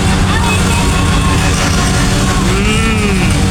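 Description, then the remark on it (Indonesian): Motorcycle engines roar loudly on a busy street in front of the SPBU Sukun petrol station, with one revving up and down in a rising-then-falling whine near the end, over a constant din of traffic and crowd chatter. “Wah, geber-geber ini.”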